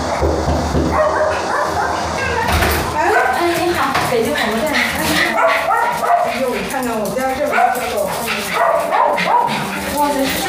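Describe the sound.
Several rescued dogs at the door of a home bark and yip excitedly as they greet visitors, their overlapping barks coming in a steady, busy stream for the whole stretch, with people's voices mixed in underneath.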